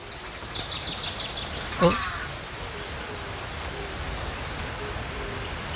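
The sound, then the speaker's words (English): Various birds chirp faintly over a steady high-pitched hiss of outdoor ambience at Bangudae, with one brief louder call standing out partway through. “그냥 저는 저 방구대 안가까 가면서 무심코 지나갔는데 여기 이렇게 멋진 곳이 온갖 새소리가 다 들리는 방구대 너무 이뻐요.”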